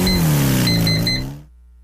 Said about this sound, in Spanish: Para vivir una experiencia diferente, conoce la nueva CF Moto 500 SR, equipada con un impresionante motor de 4 cilindros, diseñado para quienes buscan potencia, sonido y emoción en cada aceleración.